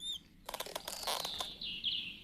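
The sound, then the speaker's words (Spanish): High, thin squeaks like mice: a few quick chirps open, then a burst of rapid squeaky clicks and a sustained, wavering high squeal toward the end, with no talking. “Shh, amigos, escucho un rechinido.”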